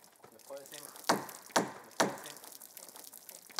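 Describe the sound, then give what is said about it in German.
Water runs and splashes over a cedar wood plank to soften it so it bends well for boat building, with three sharp surges of spray in quick succession over a steady hiss, and a faint voice briefly underneath at the start. “Ich lasse Wasser über diese Planke aus Zedernholz laufen, weil man sie weich machen muss, damit sie sich gut biegen lässt und nicht verzieht.”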